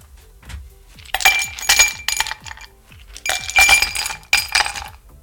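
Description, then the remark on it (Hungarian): Two bright bursts of clinking as ice cubes tumble into a glass, each a quick cluster of rattling, ringing impacts with a short pause between them. No one speaks. “Hogyha a jég a pohárba beleesne.”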